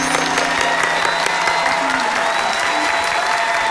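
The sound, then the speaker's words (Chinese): A studio audience on a Tianjin TV interview show bursts into steady, loud applause welcoming a company chairman, dense clapping filling the whole stretch without pause, with a few faint cheers mixed into the crowd noise. “来，掌声欢迎。”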